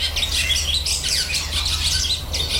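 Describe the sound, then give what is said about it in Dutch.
A barn swallow twitters and chatters continuously, a busy, steady run of rapid high warbling notes over a low background hum with no talking. “Nou, dit is de boerenzwaluw.”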